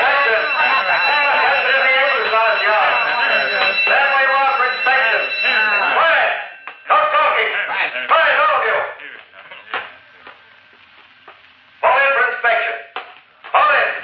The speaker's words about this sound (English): Uh-oh, the alarm. Some fool's trying to make a break for it, the jerk.